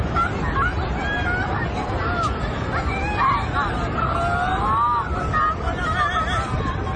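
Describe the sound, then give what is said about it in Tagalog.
A dense, continuous babble of many voices chattering outdoors in Masin, Sarangani province, steady and fairly loud throughout, with a low rumble of wind or surf underneath. “Sus, napakay tao na ubos mga higala, oh.”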